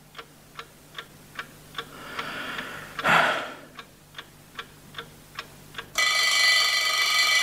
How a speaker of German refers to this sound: Na also. Es war gekommen. Es war der Wecker auf dem Nachttischchen. Auf ihn hatte ich gewartet. Das Weckwerk war, wie ich am Abend zuvor festgestellt hatte, auf 7:00 gestellt. Und Punkt 7:00 hatte der Wecker geschellt.